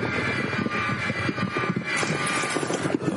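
A long, drawn-out fart sound effect played from a machine, a raspy, sputtering low rumble topped by a steady buzzy whine, holding a fairly even loudness for about three seconds with no one talking.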